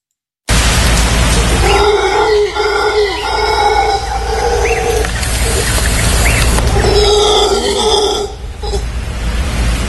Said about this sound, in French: Du coup. On va écouter le cri du singe hurleur.